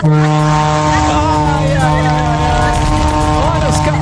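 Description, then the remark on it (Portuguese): A loud, sustained vehicle horn on a trip from Braga, Portugal, to Porto blares continuously for several seconds with a deep, steady harmonic drone, while faint background chatter wavers underneath. “Olha a buzinona do maluco, olha a buzinona do maluco.”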